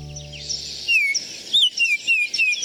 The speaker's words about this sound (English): The flute-like call of the male northern oriole, also known as the Baltimore oriole, announces the arrival of spring in many northern backyards.